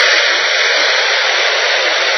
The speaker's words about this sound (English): That's white noise. That's simply a combination of all noises coming out of a radio, right? When it's not tuned to anything specific.